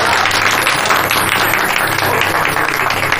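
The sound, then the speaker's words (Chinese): A crowd of wedding guests applauds steadily to congratulate the bride and groom, a dense, continuous patter of many hands clapping at even loudness for a few seconds, with no one speaking over it. “好， 鼓掌！”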